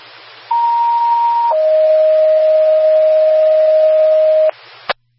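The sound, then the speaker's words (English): A two-tone fire station dispatch alerting test for Station 62: a steady higher pitch holds for about a second, then drops to a lower sustained tone for three seconds before cutting off, with faint radio hiss and a brief click. “Can we do our test tones for 62, please?”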